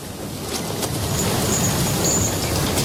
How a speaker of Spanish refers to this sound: Primero, a bordo de un renqueante ferrocarril.